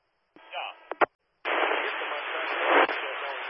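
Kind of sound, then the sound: sound effect, fireworks going off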